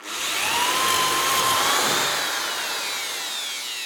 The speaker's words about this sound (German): Dafür spannen wir unser Brett mit den Löchern und einen Fuß mit einer Schraubzwinge zusammen, bohren zwei Löcher vor und schrauben sie zusammen.